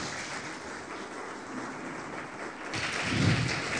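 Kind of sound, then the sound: crowd, applause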